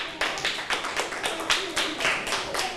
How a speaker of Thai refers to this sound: ถูกต้องปรบมือให้เพื่อนหน่อยค่ะ